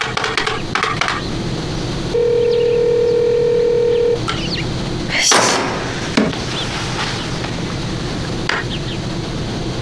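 A single long, steady electronic phone tone hums for about two seconds as a call to a man rings through unanswered, amid light clattering and a sharp knock.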